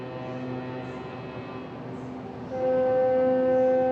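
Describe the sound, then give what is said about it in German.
Steady tonal horn blasts from small boats honking around a cruise ship casting off in a port city, over a low engine rumble, with a second, louder horn joining partway through and holding a sustained chord of tones to the end. “Eigentlich ein lautloses Manöver. Wären da nicht die anderen hupenden Schiffchen drumherum?”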